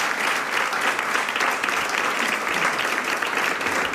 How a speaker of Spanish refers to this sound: Te mando un abrazo muy grande y un aplauso desde Urueña.